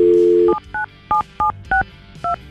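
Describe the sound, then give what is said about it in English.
A brief dial tone cuts off, then six quick two-note keypad beeps follow at a steady pace as a phone number is dialed to call Mike, clear with no talking. “And we're going to call Mike. We have his phone number.”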